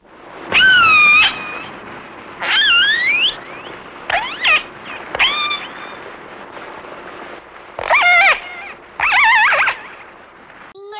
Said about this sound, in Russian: А вот услышанный подводным микрофоном голос кита касатки.